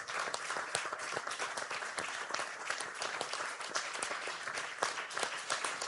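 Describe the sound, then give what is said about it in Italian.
A crowd at a party convention applauds Tajani for his work, many hands clapping in a dense, continuous patter at a fairly even level throughout, with no voices standing out. “Lo ha fatto in maniera egregia e credo, se posso permettermi, che da questo convegno di oggi debba partire un applauso nei confronti di Tajani per il lavoro che ha svolto.”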